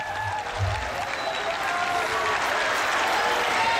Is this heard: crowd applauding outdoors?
yes